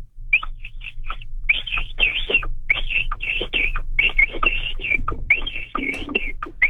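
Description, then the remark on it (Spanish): A person imitates a capybara call by whistling: a rapid, irregular string of short, high, chirpy whistles mixed with breathy, cough-like bursts over a steady low hum, with no talking. “Pero fíjate que usa la técnica también del chiflido”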